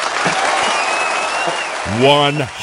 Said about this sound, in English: Actually, you know what? Me clapping for that is not enough.